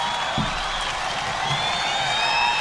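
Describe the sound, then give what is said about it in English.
A live concert crowd on a live album recording cheers and applauds continuously, a dense wash of clapping and shouts with whistles and whoops rising above it, fairly loud and steady throughout. “There's a good crowd there.”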